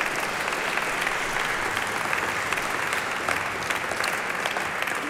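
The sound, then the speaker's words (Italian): Steady, dense applause from an audience for a septet of musicians (clarinet, viola, double bass, cello, horn and bassoon), a continuous wash of many hands clapping at an even level throughout, with no voices standing out. “Eccoli qui, un applauso ancora per il nostro settimino.”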